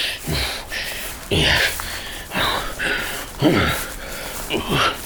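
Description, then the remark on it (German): A voice imitates heavy, effortful puffing and snorting, a series of about six breathy bursts coming roughly once a second, fairly loud, as a man hauls a heavy chest on his back through a forest thicket to his cave. “Prustend und schnaufend schleppte er seine Beute durch das Dickicht in seine Höhle.”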